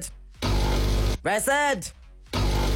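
A coffee machine whirs and grinds loudly in two steady bursts, broken in the middle by a wavering, squealing tone before the noisy whirring resumes.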